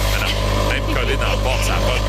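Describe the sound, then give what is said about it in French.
A dishwasher runs with a steady, continuous low hum and a constant mechanical drone throughout, while people talk over it. “Hey, ça, un lave-vaisselle.”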